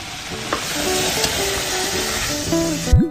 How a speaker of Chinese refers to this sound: 炒到这样冒大泡，汤汁基本收干，就可以出锅了。